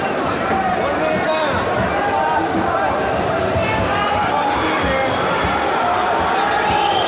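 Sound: arena crowd booing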